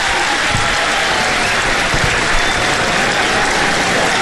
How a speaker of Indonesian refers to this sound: Bagi tepukan. Ya, bagi tepukan sikit. Ramai juga peminatnya. Okey, tu dia. Sekali lagi. Tadi slow sangat tepuk. Tu dia.